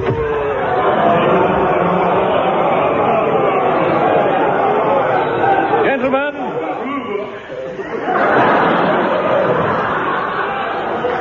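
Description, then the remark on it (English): A dense crowd of voices, let in for a furniture auction, chatters and murmurs continuously, with occasional chuckles breaking through; around the middle a few individual voices stand out briefly before the hubbub swells again. “Quick, stick these auction labels on the furniture and let the crowd in.”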